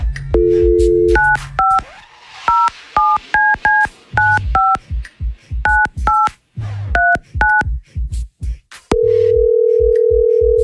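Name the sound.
telephone keypad dialing tones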